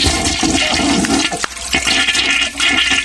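A toilet flushes loudly, a continuous rushing, gurgling swirl of water that fills the whole few seconds with no voices.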